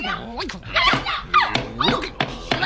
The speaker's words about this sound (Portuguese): bate à porta e grita de fora porque é cagufas.